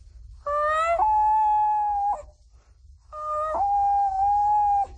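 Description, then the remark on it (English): A 12-year-old imitates a common loon with two long, clear wailing calls, each sliding up and then holding a steady mournful pitch, loud over a faint low rumble, with a short pause between them. “common loon.”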